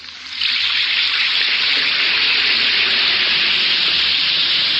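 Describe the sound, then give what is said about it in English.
An Alka-Seltzer effervescent tablet fizzes in water in a radio advertisement, a bright, steady hiss that swells in after a brief moment and holds loud and even to the end, with no voices. “Listen to it fizz.”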